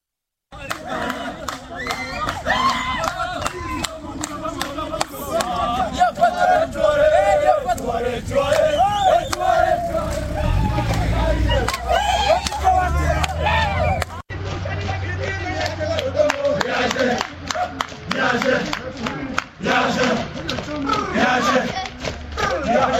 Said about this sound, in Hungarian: Tehát aki tud énekelni, az azt jelenti, hogy megfelelő megterhelésben van. Ugye nem akarják itt túltolni ezeket, ezeket a futásokat, úgyhogy kérem szépen, hogy hallgassuk meg együtt, hogy milyen a rendőrök éneklése futás közben.